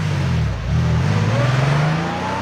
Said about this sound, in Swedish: Och då ser jag när jag äter halva frukosten att hans Porschebil, den blåa Porschebilen, kommer åkande ut från grindarna vid slottet.